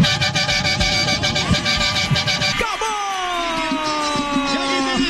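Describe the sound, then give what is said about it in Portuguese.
A car horn blares in a long, continuous honk with loud, steady tones, its pitch dipping partway through as if the vehicle passes by, over a rumble of traffic. “Toma ali, buzina.”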